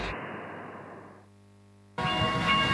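A train rushes past at a railway level crossing with a loud, broad roar that fades to a low rumble, then a sudden harsh burst of noise cuts back in. No one speaks.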